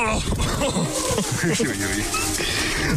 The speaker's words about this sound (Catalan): No sé si ho heu pogut sentir, però els gossos d'en Marc han decidit que també volien compartir aquest tros d'ombra amb nosaltres. Estan esverats també perquè tenen calor i també perquè han deixat el ramat aquí pasturant sols